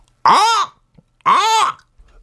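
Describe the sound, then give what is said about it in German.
A human voice imitates a goshawk's call with two loud, harsh, arching cries, each lasting about half a second and separated by a short pause. “Ein Habicht, der Vogel Habicht. Okay, der fliegt hoch in der Luft. Ah ja, wie macht er denn?”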